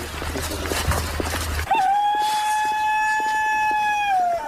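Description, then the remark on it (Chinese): A rooster crows once in a long, sustained call with a brief rising start and a falling tail, loud and clear over faint background noise, following a short stretch of muffled rumbling, in Group 5 of Liuzhou Village, Ganyi Town, Tianmen City. “伴随着这一声公鸡打鸣的声音，我们现在来到的是天门市甘邑镇刘州村五组。”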